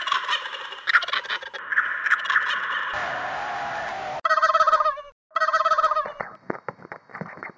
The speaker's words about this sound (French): Transformation. Transformation de cri de dinde.